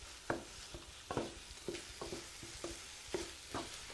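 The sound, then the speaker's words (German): A mixture of five eggs, a little milk and seasoning sizzles in a pan while a utensil scrapes and stirs it in repeated strokes, roughly twice a second, moderately loud, with a steady frying hiss underneath and no talking. “Und das kommt dann bei mir in die Pfanne.”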